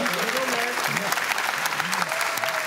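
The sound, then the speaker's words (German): A dense, steady patter of audience clapping for a quiz show contestant fills the whole stretch at an even loudness, with a voice talking over the applause. “Da hat er jetzt mal eine Frage falsch gemacht, da können Sie ruhig mal klatschen.”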